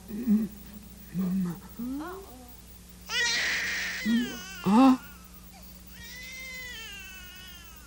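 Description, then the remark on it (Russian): A just-born baby boy cries in short, thin, wavering wails that rise and fall, with a few separate bursts and a brief voice heard near the start. “Малыш родился.”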